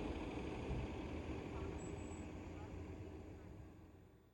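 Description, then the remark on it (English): A steady low engine rumble of city buses passing in heavy street traffic around City Hall holds loud at first and then slowly fades as it moves away. “Back above ground, there are plenty of buses that go around City Hall, too.”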